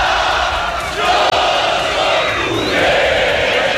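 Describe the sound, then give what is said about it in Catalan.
A huge crowd of football fans roars and cheers continuously at a victory parade setting off from Camp Nou, with confetti everywhere, a loud, dense wall of voices with shouts and whoops rising out of it, holding steady for a few seconds. “Una bogeria, tot és ple de confeti, els jugadors entusiasmats amb aquesta rua que acaba de començar.”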